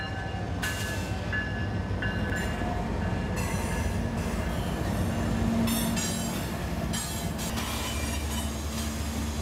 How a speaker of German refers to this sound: Direkt am Flussufer verläuft eine Güterzugstrecke. Gerade blockiert ein Zug mit an die 100 Waggons für Minuten alle Übergänge.